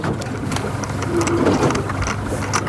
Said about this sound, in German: Das neue Forschungsboot der Hochschule Wismar auf dem Weg zur Versuchsstelle.